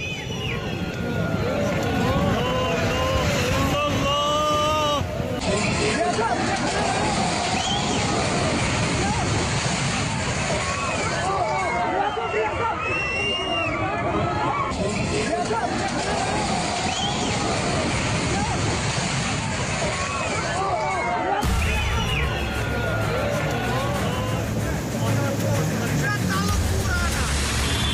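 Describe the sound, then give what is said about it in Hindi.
A loud, steady roar of rushing floodwater from a swollen river in Budgam, Jammu and Kashmir, after heavy monsoon rain and cloudbursts. It churns continuously, undermining building foundations and sweeping away a market, with excited voices faintly calling out over the torrent. “उफनती नदी की लहरों में इमारतों की नींव को कमजोर कर दिया, इसकी वजह से पूरा मार्केट लहरों में समा गया है।”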